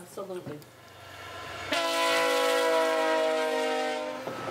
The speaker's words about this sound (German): Der Zug kommt. Der Zug ist gleich da. In der kanadischen Prärie ist ein Zug noch eine Attraktion. 2 Kilometer entfernt können wir ihn schon hören. Ein wunderbares Geräusch, das nur ein Zug macht. Kein Flugzeug, kein Auto, nur der Zug. Hörst du ihn?